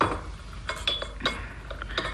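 A tray of tea glasses is set down, giving a short run of light, bright clinks and rattles, a few with a thin ringing tone, over a quiet background with no talking.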